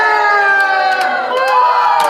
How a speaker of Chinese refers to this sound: 老娘，这是夜市啊。 这个素材就是昨天。